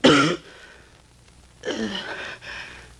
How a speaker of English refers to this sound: But I've been coughing so much lately, no one wants to employ me anymore. I spit blood on the fans.